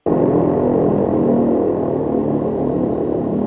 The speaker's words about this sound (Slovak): No ja som posielala, že to vlastne záver sirény, koniec. Koniec tej sirény, toho, celého toho zariadenia, ktoré sa točí kľukou, vydáva ten sirénový zvuk.